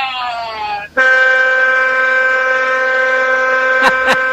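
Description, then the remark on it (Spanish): A truck's air horn, sounded by a trucker near Nuevo Torino, close to Humboldt, blares loudly: first a short blast that sags in pitch, then after a split-second break a long, steady, brassy blast holding for over three seconds. “Y si lo dejamos, le pega de largo, ¿no? Con la bocina.”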